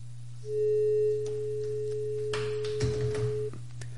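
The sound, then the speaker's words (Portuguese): A dropped phone call tone during a listener call to the radio show Sabadão Sertanejo: one steady, mid-pitched tone holds for about three seconds over a low electrical hum, with bursts of crackling line noise toward the end. No one speaks. “Caiu a ligação, mas pode ligar de novo.”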